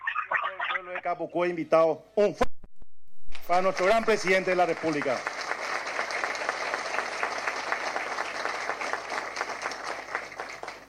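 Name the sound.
loud applause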